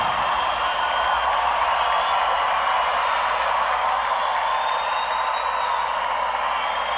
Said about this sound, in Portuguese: Aplausos! Obrigado, São Paulo!